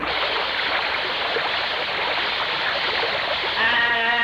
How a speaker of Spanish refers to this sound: Vaya, échale agua.